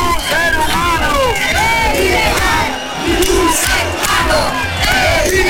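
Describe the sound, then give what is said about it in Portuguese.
A group of about 50 protesters on a corner of a square shouts slogans against racism and in favour of human rights, loudly and continuously, many voices overlapping in rising and falling chant-like yells, with a brief dip in volume midway before the shouting swells again. “Nunha esquina da praza, un grupo dunhas 50 persoas facía proclamas a berros contra o racismo e a favor dos dereitos humanos.”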